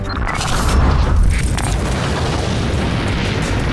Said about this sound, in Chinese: 利剑壮歌第一集《大国剑魂》首次公开了东风导弹实弹打靶命中靶心爆炸的震撼画面